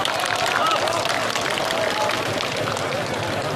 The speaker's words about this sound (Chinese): 在此，让我们以热烈的掌声对各位领导、各位嘉宾以及各界朋友的到来表示诚挚欢迎和衷心感谢。